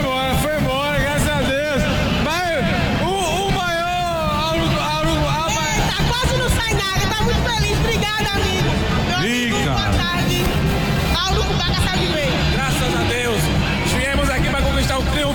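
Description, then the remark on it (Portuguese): A steady, loud hubbub of football fans at a stadium, many overlapping voices blending into a dense crowd roar with scattered shouts rising above it, continuous for the whole stretch. “a torcida tá aqui, que não se afasta, meu amigo, felicidade, né?”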